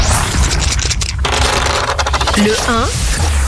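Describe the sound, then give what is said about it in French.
Pop-rock dice are thrown to set the number of quiz questions, clattering and rattling in a rapid burst of hard little clicks for a couple of seconds, fairly loud, followed by a short swooping voiced sound at the end. “Donc écoutez, oui, on y va, on lance les dés pop rock.”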